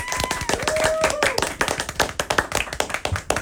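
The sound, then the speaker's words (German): A crowd applauds the band with dense, steady clapping throughout, a few whistles rising over it early on, the claps thinning into sharper separate hits toward the end. “Nochmal einen großen Applaus für die ….”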